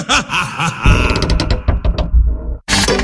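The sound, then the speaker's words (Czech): Loud, drawn-out creaks and groans of wooden floorboards and a door, with a few sharp knocks, a brief pause, then a short burst of rustling noise. “s tou vrzající podlahou a dveřmi tě slyší i sousedi.”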